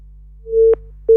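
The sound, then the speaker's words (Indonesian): A steady phone line tone from a dropped listener call during a radio call-in show sounds in clear repeating beeps, a long one followed by the start of another after a short gap, with no voices. “Oke, baik, ini sepertinya terputus ya.”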